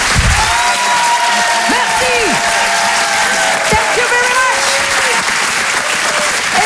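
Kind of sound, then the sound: crowd, audience applause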